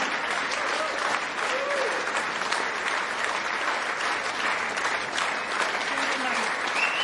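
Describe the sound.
Sustained, dense audience applause fills the whole stretch at an even, fairly loud level, many hands clapping at once with a faint murmur of voices underneath.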